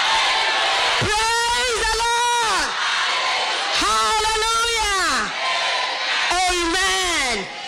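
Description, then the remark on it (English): An audience shouts loudly in praise of God: three long, raised-voice bursts over a constant noisy crowd background, with no clear clapping standing out. “Well, come on, lift your hands up and give God a shout of praise. There, a clap to praise the Lord.”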